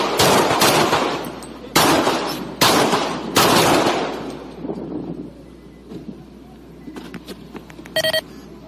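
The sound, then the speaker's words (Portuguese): A rapid volley of seven loud gunshots fired by a police officer, recorded on a body camera, each blast ringing out with a reverberant tail, followed by quieter rustling and a short electronic beep near the end. “Primeiro ele atira 7 vezes.”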